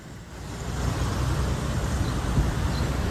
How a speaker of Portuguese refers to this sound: É carro passando, é moto passando. Esse local é tão movimentado.